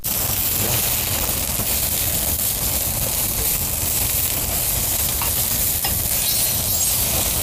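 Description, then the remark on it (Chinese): Food sizzles and crackles steadily in a hot wok for several seconds, with low clattering and scraping as it is stirred. The sound is loud and continuous, with no talking. “可以的，可以的，看着挺有食欲， 这可以上锅了。”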